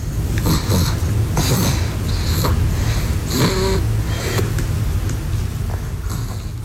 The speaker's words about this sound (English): And we're going to have a little bit of this sound. If you're very quiet, you might be able to hear this sort of baby snoring here.